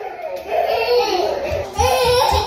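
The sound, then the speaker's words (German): Two toddlers whine and cry, their high voices rising and falling continuously over a steady indoor background hum, with a few soft low thumps near the end, in an air-conditioned basement room of the town hall in Paris's 18th arrondissement during a heat wave, over 35°C outside. “Zwei Kleinkinder laufen durch den klimatisierten Raum im Keller des Rathauses im 18. Arrondissement von Paris.”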